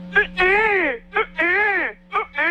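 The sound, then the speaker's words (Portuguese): A person mimics a baby's cry in repeated wailing bursts, each short sob followed by a longer rising-and-falling wail, three times in a steady rhythm, loud. “O meu chorar já era diferente, né? O jeito que eu chorava, a minha mãe falou, esse menino vai ser na comunicação.”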